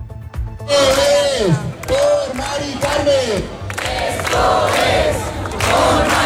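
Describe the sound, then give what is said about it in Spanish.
A large crowd of hundreds of protesters in Madrid, who moved from the Puerta del Sol to the Congress during the vote on the decrees, chants in unison: rhythmic rising-and-falling shouted phrases repeated several times over a dense roar of voices, loud and sustained throughout. “Ya lo han escuchado, este es el sonido que nos llegaba desde la Puerta del Sol, desde donde cientos de personas se han trasladado al Congreso coincidiendo con la votación de los decretos.”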